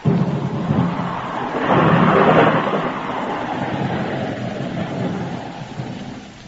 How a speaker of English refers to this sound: Oh, dang this rain.